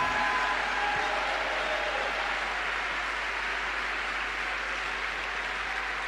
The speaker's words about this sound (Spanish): ¡Denle un aplauso! ¡Aleluya!